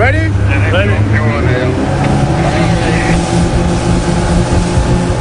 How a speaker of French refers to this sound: L'Ocean Viking se prépare pour le sauvetage. Ok, so you have green light. Ni une ni deux, trois canots à moteur sont envoyés à l'eau.